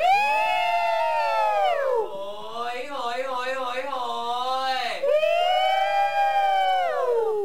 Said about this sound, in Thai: มันจะเข้าไปสู่ในงานเดี๋ยวมาบรรยากาศก่อนเข้าสู่งานแต่ง เข้าสู่งานแต่งแห่ขันหมากก็ต้องมีการโห่ ต้องมี